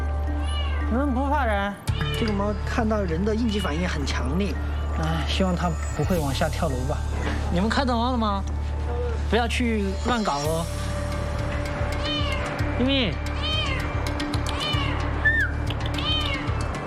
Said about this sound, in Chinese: 都是猫咪，没有其他的问题，只有猫咪。嗯。咪咪，你咋那么怕人？